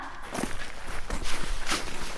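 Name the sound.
footsteps walking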